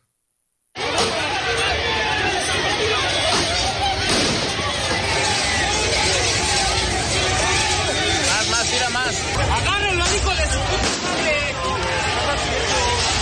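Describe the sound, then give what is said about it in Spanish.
A loud, chaotic crowd shouts and yells outside a stadium in Mexico City, many voices overlapping continuously, with sharp bangs and thuds breaking through the roar. “También gritos ahí, sombrerazos, escuche.”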